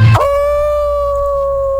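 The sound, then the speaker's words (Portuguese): A person imitates a werewolf's howl: after a short rough burst, the voice holds one long, steady, high-pitched note that stays loud and level for over a second and a half. “Nesse gritinho aí que você deu, você é lobisomem?”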